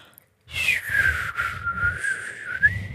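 A person whistles a sustained, wavering tone with the mouth, sliding slightly down then up in pitch, with soft breathy low rumble underneath; fairly loud, no talking.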